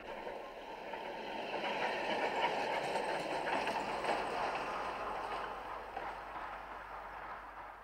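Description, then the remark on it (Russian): A second tram rumbles steadily along its rails, a continuous grinding roll with faint rhythmic clacking that stays loud and even throughout, with no voices. “Второй трамвай идет.”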